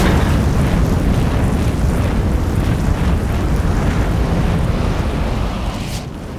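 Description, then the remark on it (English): A truck on a street explodes in flames after Katniss's arrow activates two large jets of fire, giving way to a thick, continuous roar of flames, loud and low-heavy with a crackling hiss on top, holding steady for several seconds before easing slightly at the end. No voices. “A truck explodes in flames and makes the squad jump back.”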